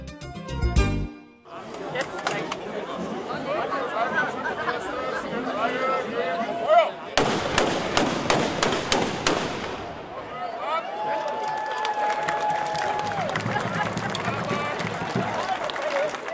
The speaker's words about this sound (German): Mit einem Böllerschießen gab die Schützengilde Zerbst den Startschuss für das Heimat- und Schützenfest 2026.